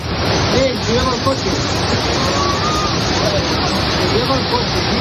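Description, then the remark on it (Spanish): A loud, steady roar of floodwater rushing through the streets of the village of Manzanedo de Valdueza, near Ponferrada in Castilla y León, Spain, after intense rain, with currents strong enough to sweep away vehicles. The roar is continuous throughout, with faint voices barely audible beneath the torrent. “El sonido de la localidad de Manzanedo de Valdueza, cerca de Ponferrada, donde las fuertes corrientes de agua que han asolado las calles del pueblo arrastraban incluso vehículos,”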